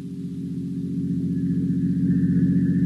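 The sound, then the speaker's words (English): A motor car's engine drones steadily, a low rumbling hum that gradually grows louder as the car approaches a decaying, weather-boarded house on hot, glimmering marshes, with no voices present. “Only the heat on the glimmering marshes and the decaying, weather-boarded house as a motor car approaches.”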